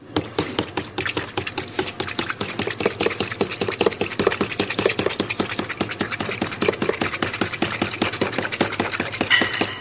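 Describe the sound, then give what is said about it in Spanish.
Dough ingredients (600 grams of flour, half a tablespoon of salt, 2 tablespoons of powdered milk, 3 eggs and a cup of water) being mixed in a bowl: a fast, steady run of clicking, scraping strokes that keeps an even rhythm throughout, with no voices. “Agregamos taza de agua y comenzamos a mezclar.”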